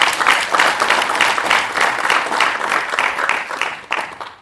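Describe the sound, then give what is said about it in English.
A crowd applauds steadily for about four seconds to celebrate IDS's 60 years, a dense wash of many hands clapping at once, loud and continuous with no voices over it, tapering slightly at the end. “Can we all clap for IDS time in 60 years?”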